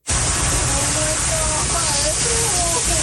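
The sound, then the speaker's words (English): Loud, steady roar of floodwater rushing toward a family's property in St. Catharines, Ontario, in the Niagara region, after back-to-back storms dumped months of rain in a few hours, with faint, strained shouts of panic and fear from several people rising and falling beneath the torrent. “Shouts of panic and fear as”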